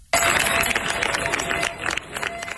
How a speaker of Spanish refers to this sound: Así han despedido los vecinos de Niebla entre aplausos a los efectivos de la UME que han comenzado su repliegue tras 10 días de lucha contra un incendio que ha recorrido más de 38.000 hectáreas.